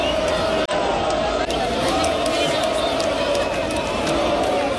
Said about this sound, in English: crowd of 60,000 Lens fans welcoming their team back after they beat Nice to win the Coupe de France for the first time in their 120-year history.